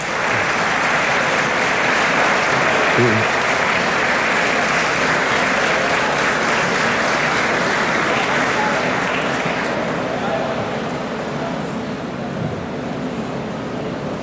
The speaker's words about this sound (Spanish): Pero quiero pedir un aplauso muy especial a los obreros que están allá atrás, presidente, que quiero que se pongan de pie. Pónganse de pie, por favor.